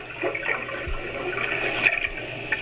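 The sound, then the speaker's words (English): Steady rushing and gurgling of water on a narrow, twisting river littered with jagged rocks, flowing around a small native boat carrying two men downriver as darkness falls, continuous, with occasional low knocks and splashes and no voices. “the two men started back downriver in a small native boat.”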